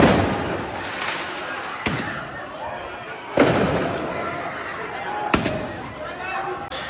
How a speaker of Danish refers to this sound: Så affyres der også fyrværkeri på åben gade.